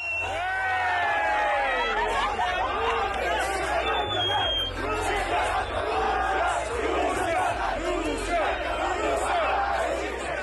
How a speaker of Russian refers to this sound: В Мексике одного из них, как передавал чемпионат, качали на руках в фан-зоне под крики «Россия».